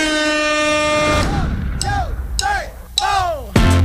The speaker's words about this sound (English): I hit the air horn and let this track kick in straight away into the chorus. Well, into the intro.